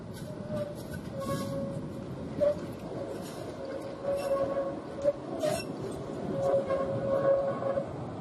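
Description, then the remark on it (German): A Tatra KT4D tram, built by CKD in 1978 for Erfurt as railcar 435 and now used as a work car in Jena, rumbles along steadily with a broad low roar, a thin sustained squeal riding above it and occasional metallic clinks and clacks. No one speaks. “Erst seit 2013 ist der Tatra KT4D im Jenaer Stadtbild, zumindest als Arbeitswagen, zu sehen.”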